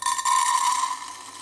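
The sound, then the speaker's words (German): A steady, dry rushing hiss of grain infested with insect larvae pouring into a vessel, continuous for about a second and a half and fading slightly at the end, with no talking. “Und jetzt gießen wir dieses Getreide mal in dieses Gefäß.”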